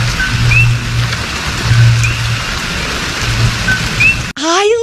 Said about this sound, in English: You hear the sounds of El Coqui, that like little frog that chirps.